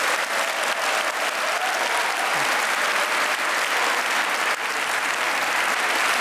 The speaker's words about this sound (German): Ich glaube, dieser Applaus ist für euch.